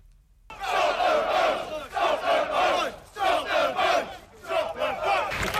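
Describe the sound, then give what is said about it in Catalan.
Hundreds of protesters dressed in black chant the slogan "Stop the boats" in unison while blocking access to the English port of Dover, repeating it in loud rhythmic bursts about once a second, with brief pauses between each shouted phrase. “Una consigna que han cridat centenars de manifestants vestits de negre i han passat muntanyes per bloquejar avui al migdia durant una estona els accessos al port anglès de Dover en protesta per l'arribada de”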